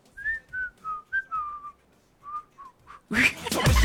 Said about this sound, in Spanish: ¿A ti te sale el silbidito, el de...? A ver, ¿le sale a ustedes el...? ¡Pobre ese silbido! ¡Pobre! Más pobre que yo terminando la quincena.